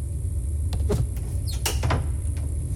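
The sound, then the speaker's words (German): The doors of a cabinet wall unit being opened one after another, with brief clicks, squeaky hinge creaks and light knocks over a low steady background hum; no voices. “Was ist mit der Schrankwand da? Vielleicht sind das gar nicht alles Schränke zur Aufbewahrung, sondern hinter den Türen ist ein Aufzug.”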